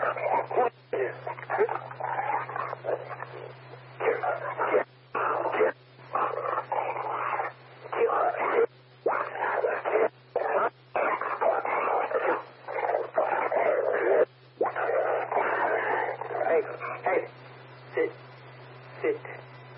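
A dog whimpers, whines and gives short barks almost continuously, in bursts separated by brief pauses, over a steady low electrical hum.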